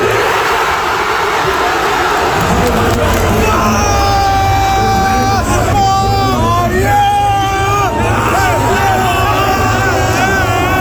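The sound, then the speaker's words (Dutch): A large crowd of hundreds of football fans, watching the Netherlands play Morocco at the World Cup together at Tivoli-Vredenburg, erupts in loud, sustained cheering and yelling after a goal in the 72nd minute, many voices overlapping in a continuous roar with rising shouts that hold for several seconds. “Honderden mensen die samen naar de wedstrijd keken in Tivoli-Vredenburg, die konden juichen in de 72e minuut.”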